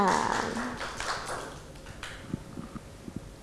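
Children clap their hands in a dense, mixed burst under a brief voice, then the applause thins out into a handful of separate, sharp claps before stopping.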